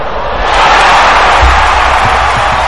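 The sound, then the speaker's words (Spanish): A dense, loud wall of fans screaming at a concert, a continuous shrill roar of many voices that swells early and holds steady without pause. “Gritos, desmayos, ropa interior arrojada al escenario.”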